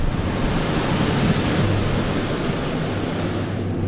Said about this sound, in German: Danach folgt eine Luftdusche. Für die nur wenigen Millimeter kleine Tigermücke ist der Luftstrom eine unüberwindbare Barriere.